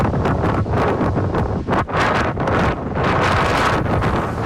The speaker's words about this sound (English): That was near Elgin as a windstorm blew across the southern part of the province yesterday. Deloraine clocked the strongest gusts at 119 kilometers an hour.